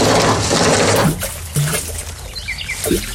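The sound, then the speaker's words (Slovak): Water bubbles and gurgles in a well, a dense churning rush at first giving way to scattered, hollow-sounding glugs, with faint high chirps in the background and no one speaking. “Chcel som nechať studňu vyčistiť, ale tak vrela, skoro z nej ohne šľahali.”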